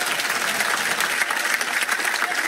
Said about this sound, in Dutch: Maar vooral een ongelooflijk applaus voor de mensen van Radio 2 voor en achter de schermen.